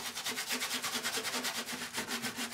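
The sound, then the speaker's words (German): Brisk, steady scrubbing strokes rasp back and forth as a dirty, newly bought construction-site van is scrubbed clean, in a fast, even rhythm, fairly loud, with no voices. “hat sich mittlerweile den Baustellenbulli gekauft und schrubbt ihn schon seit Tagen.”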